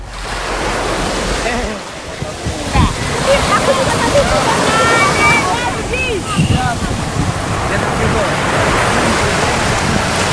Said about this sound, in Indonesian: Deru suara ombak dan riuh anak-anak bermain di tepi pantai menyambut kedatangan kami pagi itu di Kampung Bahari Nusantara. Tepatnya di Desa Bagan Koala, Kecamatan Tanjung Beringin, Kabupaten Serdang Bedagai.